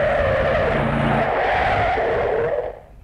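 A car roars up and skids to a halt, tires screeching loudly for a couple of seconds over a low engine rumble before the sound quickly drops away.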